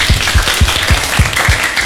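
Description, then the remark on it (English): A small group applauds a correct answer in a riddle guessing game, with steady rhythmic clapping of about six beats keeping time beneath a dense patter of scattered hand claps, fairly loud and continuous. “Good, give applause.”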